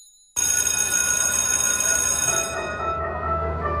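A loud electric school bell rings continuously for a few seconds, a harsh metallic clanging that starts abruptly and fades slightly toward the end, with no voices.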